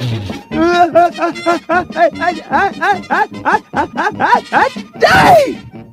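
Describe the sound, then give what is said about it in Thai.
A voice mimics a dragon sneezing five times in a row: a quick run of short, gasping 'ah' syllables builds up, then breaks into one loud, breathy burst near the end, clear. “สำเร็จแล้วในที่สุดเจ้ามังกรก็ยอมจามออกมาจนได้ไม่ใช่แค่ครั้งเดียวนะเจ้ามังกรจามออกมาติดๆกันจนถึง5ครั้งแล้วในครั้งที่5ก็มีเปลวไฟแลบออกมาจากปากของมัน”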